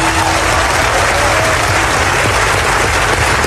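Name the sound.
audience ovation and applause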